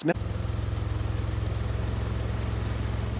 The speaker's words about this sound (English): He's driving a small, boxy white Fiat with a ladder strapped to the roof.